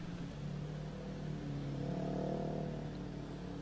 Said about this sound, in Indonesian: Saat ini saya akan mengajak Anda untuk memantau bagaimana kondisi arus lalu lintas terkini, tepatnya di kawasan Semanggi,